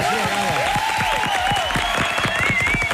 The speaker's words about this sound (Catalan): Voleu que aplaudim, voleu que saludem, què voleu que feu la nostra convidada? Fora aplaudiment! Rebem-la, home!